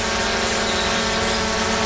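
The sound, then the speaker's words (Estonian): A steady, droning electric whine of a small drone hovering, constant and fairly loud with a buzzy, layered hum and no pauses. “Droon on peremehe nägu.”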